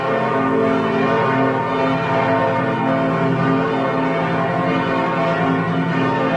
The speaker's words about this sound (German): So hört es sich an, wenn in Lübeck alle Glocken der 5 Kirchen gleichzeitig läuten. Eine der bekanntesten ist die Lübecker Marienkirche.